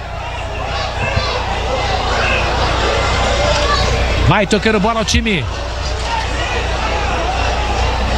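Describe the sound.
A restless football crowd roars steadily throughout, with a burst of sharp, wavering whistles about halfway through, all beneath a commentator talking.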